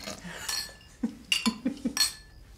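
Dishes and cutlery clink and clatter in a sink during washing up, several sharp metallic and ceramic knocks in quick irregular succession, moderately loud, with no voices.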